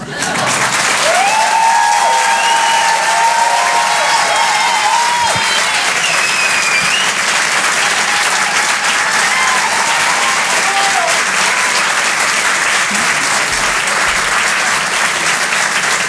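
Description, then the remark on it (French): A crowd at the Rire et Chanson Comedy Club, broadcast live on Rire et Chanson, claps loudly and steadily for a comedian for about sixteen seconds, with a few whistles and shouts rising over the dense, even applause. “En direct et en live sur Rire et Chanson, Farah, mesdames, messieurs, on peut l'applaudir.”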